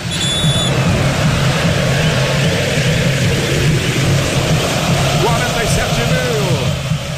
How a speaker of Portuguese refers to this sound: 47, agora sim a torcida canta, ouça o Morumbi.